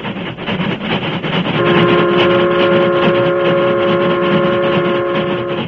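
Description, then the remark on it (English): A Union Pacific steam train roars across open ranch country in the West, loud, with a steady rumbling chug; partway through, a long sustained whistle sounds over the noise. No voices. “The Union Pacific, pride of the West, was roaring across the open stretches where vast ranches separated the small crossroads communities.”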